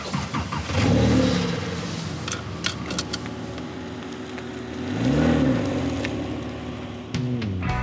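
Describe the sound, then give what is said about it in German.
A Porsche sports car engine roars up in two strong revs, one near the start and another a few seconds later, idling with a throaty rumble in between, loud with no talking. “Er fährt sich einfach schön, der Motor klingt toll und dann bringt das auch richtig Spaß, ein bisschen Gas zu geben.”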